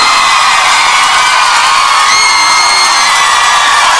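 A loud crowd cheers and applauds steadily for the full stretch, a dense wash of claps and whoops with shouted voices rising over it, no single speaker standing out.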